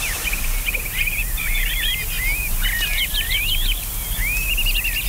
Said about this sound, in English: There it is. There's those customary birds, which I'm going to talk about in a little bit.